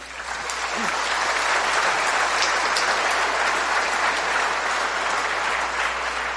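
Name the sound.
audience applauding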